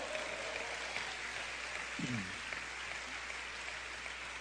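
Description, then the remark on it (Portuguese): An audience claps steadily, a dense even patter of many hands that holds at a moderate level throughout, with a brief voice rising out of the crowd midway. “Vamos dar mais um aplauso!”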